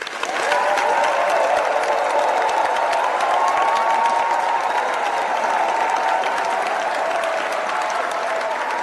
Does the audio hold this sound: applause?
yes